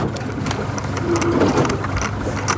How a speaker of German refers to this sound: Das neue Forschungsboot der Hochschule Wismar auf dem Weg zur Versuchsstelle.